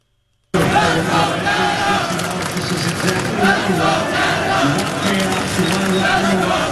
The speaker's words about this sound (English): Watch parties have been set up across Montreal and the entire country this afternoon as Canadians cheer on the men's soccer team as they take on their toughest opponent yet, Morocco.